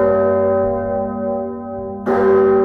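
A large, deep bourdon bell in the belfry of Saint-Jean-le-Grand tolls at midnight, its rich low hum lingering before a second strike rings out loud at about two seconds, no voices present.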